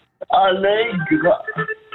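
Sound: telephone call connecting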